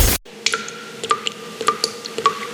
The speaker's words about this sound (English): The tap's dripping, and you're leaving it, because you can't afford a plumber's crazy call-out fee.